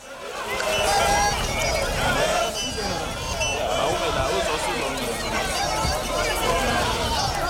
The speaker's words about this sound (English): This is thousands, by my estimation, and I'm no audience or crowd expert, but it looked like thousands of people in Tembisa marching, they said, against illegal immigration and crime in the area.